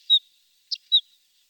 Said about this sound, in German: Ja, das war der Vogel der Woche.